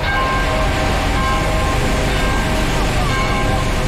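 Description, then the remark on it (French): A convoy of vehicles rolls along a road at about 40, not at walking pace, a constant, loud rumble of engines and tyres, with faint horn-like tones drifting through the dense traffic noise. “le cortège roule pas vraiment au pas.”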